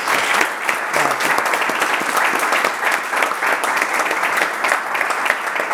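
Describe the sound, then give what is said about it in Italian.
Steady applause from an audience, dense rapid clapping that fills the whole stretch at a fairly loud, even level without pause. “Applauso!”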